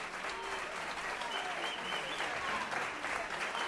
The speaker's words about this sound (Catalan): Aplaudiments per Enric Fuster a la bateria, Xavi Maldonado al saxo tenor, Guillem Colguà al piano, Joan Garcies al contrabaix